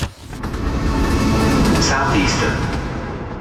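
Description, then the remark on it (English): A Southeastern train rolls steadily along the rails, a continuous loud rumble with rattling undertones that holds level throughout and eases slightly at the end. “Take the train with Southeastern.”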